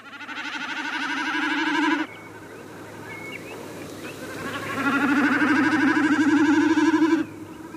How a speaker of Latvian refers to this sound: Varētu šķist, ka mēs tikko dzirdējām kazu. Bet paskatieties augšā un ieraudzīsiet mērkaziņu. Un mērkaziņu šo skaņu izdod nevis ar kaklu, bet ar asti. Rudenī šo skaņu gan vairs nedzirdēsiet, bet mērkaziņu satikt tieši tagad ir arī visvieglāk.